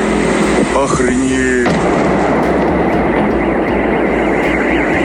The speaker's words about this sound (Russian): Очевидцы писали о взрывах над территорией Новошахтинского нефтеперерабатывающего завода.